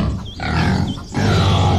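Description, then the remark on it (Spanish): A piglet named Carejundillo grunts loudly in three rough, raspy bursts separated by short pauses, with no talking over the sound. “¡Ay, que este marranito llegó y sabe cómo lo puse!”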